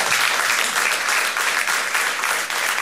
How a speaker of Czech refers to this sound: Pan Weinlich, geniální režisér. Zatleskáme mu. Děkuji.